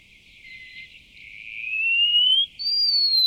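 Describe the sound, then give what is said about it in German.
A thin, high wallcreeper whistle rises slowly and steadily, swelling louder, then breaks briefly before a final, higher sustained note. Clear, with no voices. “Der Mauerläufer.”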